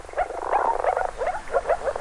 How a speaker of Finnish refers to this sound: Viitasammakon ja sammakon erottaakin helpoimmin äänen perusteella, sillä ulkoiset tuntomerkit ovat aika hankalia. Pitäisi jostain katsoa kuonon muotoa ja varpaiden välissä olevia kyhmiä. Se ei ihan aina onnistu, mutta ääni on onneksi helppo.